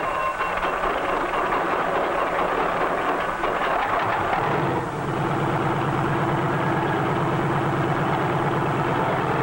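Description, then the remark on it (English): A helicopter engine, started by a self-starter, runs loud, a rough mechanical roar that shifts about halfway through into a steadier, more even drone as it settles into a careful warm-up idle before takeoff. No one speaks. “A self-starter starts the engine, and after a careful warm-up, we're ready to take to the air.”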